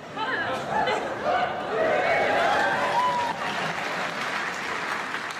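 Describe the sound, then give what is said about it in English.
A crowd breaks into sustained applause after a speaker speaks in Xhosa, a dense steady clatter of many hands clapping, with some scattered voices and chatter mixed in underneath. “Why would you clap? It's my language.”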